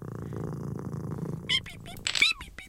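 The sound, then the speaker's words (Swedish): A cat purrs in a low, steady rumble while being petted for over a second, then a higher-pitched voice speaks briefly over the fading purr. “Klappa katten. Lilla katt, lilla katt.”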